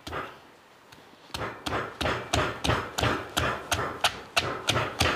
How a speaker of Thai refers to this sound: เราเอาหอมใหญ่ทุบใส่หอมลงไปนะคะ